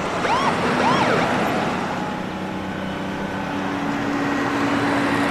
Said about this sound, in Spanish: El autobús conduce por una autopista recta. Dos autos de policía pasan a su lado a toda velocidad y se colocan por delante.